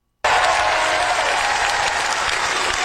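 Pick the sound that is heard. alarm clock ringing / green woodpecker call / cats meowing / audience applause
audience applause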